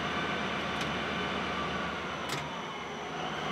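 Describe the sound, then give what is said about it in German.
A heavy, loaded freight train weighing more than 500 tonnes spins its wheels on the rails in a steady, loud roar of grinding rumble and hiss, with two brief sharp bursts cutting through; no voices. “Jetzt haben die Räder durchgedreht. Kein Wunder, der ganze Zug mit Ladung wiegt mehr als 500 Tonnen.”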